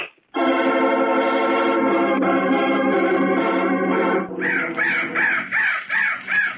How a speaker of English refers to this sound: That crow was the bird of death. Of course, I don't believe in Indian superstitions, but if I hadn't shot that bird, maybe Mr. Arryn wouldn't be dead now.